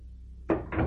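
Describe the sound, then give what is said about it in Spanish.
An office door is unlocked and opened: after a brief low hum, two quick mechanical clunks of a latch and handle follow in rapid succession, with no voices. “Abre la puerta.”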